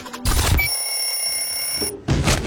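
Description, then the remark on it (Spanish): An alarm clock bell rings loudly in two rattling bursts, separated by a brief stretch of steady high-pitched tone, clear with no voices. “Apagaste la alarma.”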